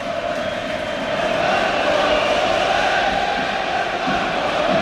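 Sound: football stadium crowd chanting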